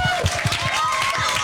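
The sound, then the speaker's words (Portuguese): A crowd at the Jardim Escola João de Deus applauds on Children's Day during an RFM radio broadcast, with steady, rapid clapping, loud and continuous, mixed with children's high-pitched voices shouting and cheering over it. “Um aplauso para vocês todos.”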